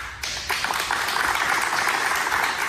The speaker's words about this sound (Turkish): Halk TV çalışanları kararı stüdyoda alkışlarla protesto etti.